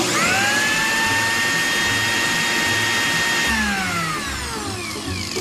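An electric blender blends ripe bananas with milk, vanilla and ice for a banana milkshake, running loudly with a steady high motor whine, then its pitch slides down as the motor slows toward the end. No one speaks.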